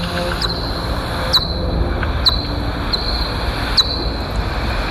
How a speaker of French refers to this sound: Moi, je dis toujours, ça fait un peu un son de. Un caddie un peu rouillé. Ça fait quelque chose un peu. Voilà. Donc là, petite pipistrelle qui chasse. Que c'est une pipistrelle de cul parce qu'elle est autour de 38 kHz.